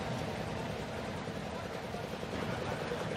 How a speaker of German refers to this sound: So, ich höre es rattern. Sie auch zu Hause, hören Sie es rattern? Ich würde tippen, die Porsche-Freunde, da sind sie. Sessimer Porsche-Freunde, Wüstensachsen, wir sind wieder im Landkreis Fulda.